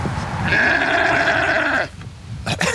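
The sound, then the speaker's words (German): A sheep, one of three kept behind the small Gemüsebau Brill vegetable farm in Bubach-Kalmesweiler, near the busy B10 road, lets out one long, wavering bleat, loud, lasting over a second, followed by a short quiet stretch with faint rustling and a brief scrape at the end. “Und dazwischen, also zwischen der vielbefahrenen B10 und diesen 3 Schafen ohne Namen, da wächst das Gemüse von”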